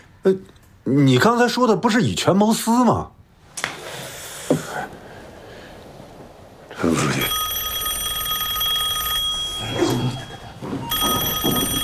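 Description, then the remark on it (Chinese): A man speaks briefly, then after a pause a telephone bell rings loudly in two long, steady, shrill bursts with a short gap between them: a call from the county for Deputy Secretary Chen. “陈副书记，喂， 陈副书记，有您电话。”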